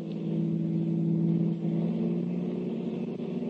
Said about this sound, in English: Out of the carnival grounds dashed the Blue Beetle, just in time to see the two thugs drive off in a long sedan. Jumping into his own car, the Blue Beetle gave chase until out on the river road.